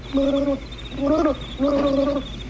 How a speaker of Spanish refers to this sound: Espera, ¿escuchaste algo? ¿Algo? Sí, el romántico canto de los grillos que... No, un ruido extraño, semejante a un burbujeo.